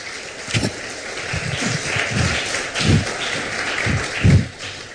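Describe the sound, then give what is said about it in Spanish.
A crowd applauds together for the Lord, a dense, steady patter of many hands clapping with a few louder claps standing out, continuing for several seconds with no talking over it. “Un aplauso, por favor, al Señor.”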